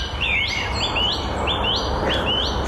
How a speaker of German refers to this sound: Und das ist das Flöten der Amsel.